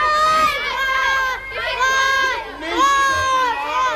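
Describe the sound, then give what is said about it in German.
A crowd of children, just freed, cheers and shouts together, high-pitched voices rising in three loud, sustained bursts with brief dips between them. “Nachdem alle Kinder befreit waren, gab es natürlich zunächst einmal großen Jubel.”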